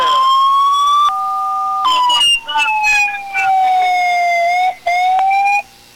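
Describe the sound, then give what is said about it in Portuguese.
A fire truck siren at the fire brigade station in the municipality of Orleans blares loud, a steady wailing tone that slowly drifts lower, briefly switching to a two-tone pattern early on, with a couple of short breaks before cutting off. “Aqui direto do quartel do Corpo de Bombeiros no município de Orleans. Olha aí!”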